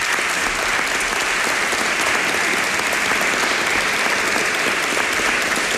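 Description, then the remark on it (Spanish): An audience applauds steadily throughout, a dense, even wash of many hands clapping with no pauses or voices breaking through; a warm applause dedicated to journalist Ramón Fon at the Cervera gathering. “es un maestro de periodistas de esta ciudad, querido amigo, que no puede estar este fin de semana con nosotros, pero al que yo quiero que ustedes dediquen un cariñoso aplauso.”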